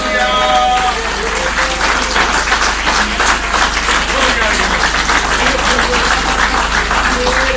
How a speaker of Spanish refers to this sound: Alábalo con un aplauso, hermano.